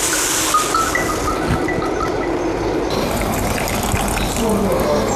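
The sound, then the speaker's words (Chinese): Boiling water is poured steadily over teaware to scald it, a continuous splashing, gushing hiss that holds at an even, fairly loud level for about five seconds with no voices. “先等一下，开水烫一下。”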